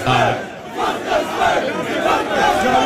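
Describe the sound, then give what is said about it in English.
A crowd screams and shouts together in a loud, continuous roar of overlapping voices that surges and dips over about three seconds, with no clear individual words. “I think they're screaming some type of vicinity.”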